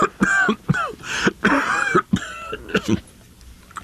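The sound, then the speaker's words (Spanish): A loud fit of persistent coughing from a longtime smoker with damaged lungs: a rapid string of harsh, raspy coughs and throaty hacks repeating for several seconds with barely a pause, then trailing off into quieter breathing. “Es esta maldita tos la que me va a matar.”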